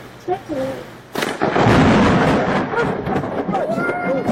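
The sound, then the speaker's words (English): A sudden, loud crack of thunder from a lightning strike during a thunderstorm, recorded by a Ring camera, bursts in and rolls into a sustained, heavy rumble, with indistinct voices talking before and under the noise. “So lightning, proving his point.”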